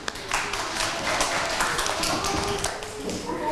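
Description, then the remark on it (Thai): A group of children in a classroom clap for themselves and for a classmate who presented, in a dense, steady patter of many overlapping hand claps that carries on at an even level throughout. “ปรบมือให้ตนเองและปรบมือให้เพื่อนที่นำเสนอค่ะ”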